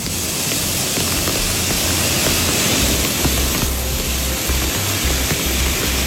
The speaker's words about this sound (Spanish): El de esas avenidas de agua en varias de nuestras localidades. Escuchábamos este torrente impresionante en Chirivel que obligó a cortar el acceso a esta localidad desde el municipio de Oria,